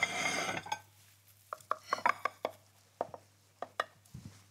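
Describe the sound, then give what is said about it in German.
A knife cuts through a quiche in its baking dish, giving about ten sharp, irregular clicks and taps against the dish after a brief rustling start, over a steady low hum. “gucken wir mal, ob wir das gescheit geschnitten kriegen hier.”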